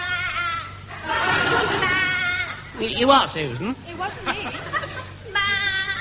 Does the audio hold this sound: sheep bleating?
yes